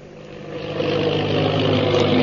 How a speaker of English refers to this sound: The plane bearing the Purple Triangle insignia roars through the sky.